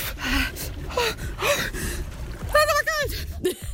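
A Lippewelle radio reporter, a woman, gasps sharply several times in quick succession, with high, strained vocal yelps and shaky breaths while swimming in cold water at the season's first swim (Anschwimmen), with some splashing and rustle underneath.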